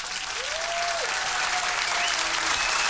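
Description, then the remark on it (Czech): A crowd applauds for contest winners, many hands clapping in a dense, even wash that holds steady for about three seconds, fairly loud, with no speech over it. “Ano, potlesk pro vítěze,”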